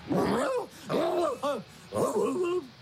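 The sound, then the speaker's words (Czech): A father walking on all fours imitates a dog, giving loud growling whines and short bark-like yelps in three bursts separated by brief pauses. “Já se jí chlubit nebudu, že můj taťulda chodí po čtyřech a štěká.”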